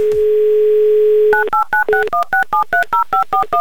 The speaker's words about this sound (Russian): Гудки сразу же пошли. Это замечательно. Засекаем 30 секунд.